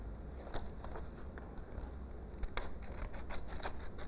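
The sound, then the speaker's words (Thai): Scissors snip through paper in a quick series of crisp cuts, fairly quiet, with slight rustling of the sheet between snips and no talking, as a teacher cuts out a coloured-in picture of a vehicle. “จะตัดยานพาหนะออกมาเลยการตัดนะคะต้องระมัดระวังด้วยนะคะ”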